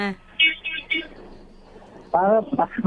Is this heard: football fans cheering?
no